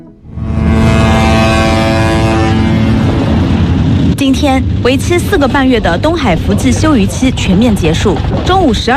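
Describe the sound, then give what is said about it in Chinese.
Horns of 471 fishing boats blare together as they set sail at noon from Diaobang fishing port in Shitang Town, Wenling, Zhejiang, for East China Sea fishing grounds at the end of the four-and-a-half-month fishing moratorium: a loud, steady, layered tone for about three seconds, then a rumbling mix as people talk over the lingering noise. “今天为期四个半月的东海福字休渔期全面结束，中午12时在浙江温岭市石塘镇钓帮渔港内，471艘渔船鸣笛起航，奔赴东海渔场。”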